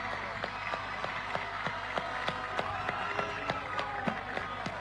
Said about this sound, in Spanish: Gracias por hacernos soñar, por defender con dignidad la albirroja y por llevar el nombre del Paraguay a lo más alto, y pido un fuerte aplauso para todo este gran grupo que representó a nuestro país.